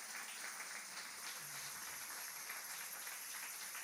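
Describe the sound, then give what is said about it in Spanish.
An audience applauds steadily for a few seconds to greet those following the online broadcast and Fábrica de Campeones, a dense, fairly soft wash of many hands clapping at once, with no speech over it. “Denles aplauso también.”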